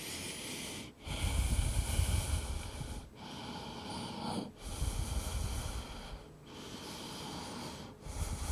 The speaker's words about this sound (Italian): Senza grandi sforzi, facciamo un altro per lato, uno, due, e poi ci ascoltiamo nuovamente ponendo le mani un po' più avanti, andiamo indietro, sentiamo il respiro.